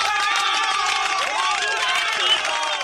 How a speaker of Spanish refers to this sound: ¿Y dónde están las palmas, mi gente?